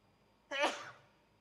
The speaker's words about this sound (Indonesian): Alhamdulillah. Yahdikumullah yuslih balakum. Ana bersin itu bukan karena keinginan ana. Tapi kembali itu adalah takdir Allah Azza wa Jalla.